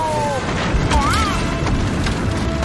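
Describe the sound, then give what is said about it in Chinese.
A big dinosaur approaching: a loud, continuous low rumble with dull booming thuds, mixed with a few brief rising and falling whistle-like tones. “听着声音像是又有大恐龙来了。”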